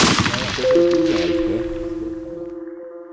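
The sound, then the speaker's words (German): A loud rifle shot fired to test ammunition rings out, its sharp blast trailing into a long, echoing decay with a sustained ringing tone fading over several seconds. “Ich wollte nur mal testen, was die Munition gut ist, damit ich bei Verkaufsverhandlungen dann.”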